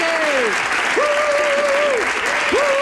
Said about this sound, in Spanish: ¡Andreu Buenafuente, adelante! ¡Un aplauso, un aplauso para Andreu Buenafuente!